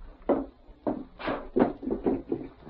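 A drawer is opened and shut, a run of wooden scrapes and knocks in quick succession, some sharper than others, with no talking.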